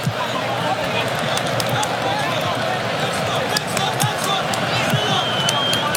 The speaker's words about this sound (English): And that's Thomas Tuchel who's clapping and encouraging his players to keep up their pressure.